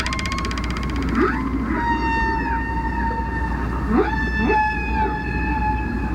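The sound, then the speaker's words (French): Whale song with long, sustained tonal calls that glide up and down, rich in harmonics, over a constant low rumble of underwater noise. The whale makes the sound by pushing air from its lungs into a balloon-like sac, which vibrates cartilage hooks. No voices are present. “Lorsque la baleine chante, l'air de ses poumons vient remplir le ballon.”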